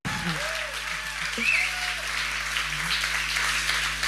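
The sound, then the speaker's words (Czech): A packed audience at the Husa na provázku theatre in Brno settles in as the last spectators arrive for the opening of the Month of Authors' Readings festival, a steady, dense wash of crowd noise like scattered clapping and shuffling, with faint murmuring voices underneath throughout. “Zdravíme konkrétně z divadla Husa na provázku, které je přehání, ačkoliv to zní jako takové to slavné kliše, úplně k prasknutí naplněné, ale je to ještě sem chodí poslední diváci. Ano, možná, že to slyšíte, doufám.”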